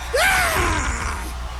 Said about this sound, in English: Yeah! That is the scream of Howard Dean. Edvard Munch paintings aside, Dean's was the most expensive scream in history. That scream cost Howard Dean the presidency of the United States.